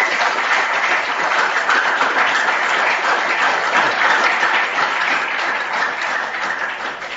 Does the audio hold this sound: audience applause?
yes